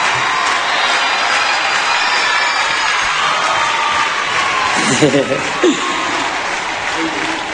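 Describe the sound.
Loud, sustained applause from an audience fills the whole stretch, a dense wash of clapping with scattered cheers and a few voices shouting out partway through.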